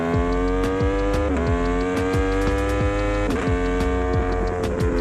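motorcycle accelerating

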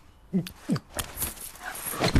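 dog

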